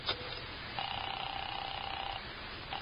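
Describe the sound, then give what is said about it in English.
A telephone being dialed: a sharp click, then a steady, slightly buzzing tone for about a second and a half, followed by another brief click. Quiet, with no voices. “Let me use your phone.”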